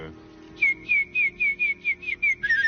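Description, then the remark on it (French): A person whistles an imitation of a warbler's song: a quick series of about nine short, bright, slightly falling notes in a steady rhythm, ending in a faster trill, with faint background murmur. “Ah non, c'est la fauvette, monsieur.”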